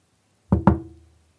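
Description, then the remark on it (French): Two sharp knocks on a window in quick succession, each with a brief resonant ring that fades quickly, followed by quiet. No voices are heard. “Quand tout à coup, elle entend un toc à la fenêtre.”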